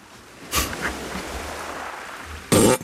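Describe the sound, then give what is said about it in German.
A drawn-out, low rumbling fart sputters for about two seconds, framed by short noisy bursts at the start and a louder blast at the end, with no voices. It comes from one of the soldiers hiding inside the Trojan Horse. “… hat schon wieder gefurzt.”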